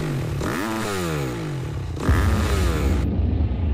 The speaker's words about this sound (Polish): Pierwsza, pamiętam, noc letnia, w której pozwoliłam sobie uchylić drzwi balkonowe i przejechał motor.